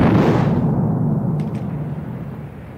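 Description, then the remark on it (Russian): A heavy naval gun blast from a ship's third turret opens loud, then rolls into a deep, rumbling boom that slowly fades over a few seconds, with no voices present. “Третья башня закончила стрельбу.”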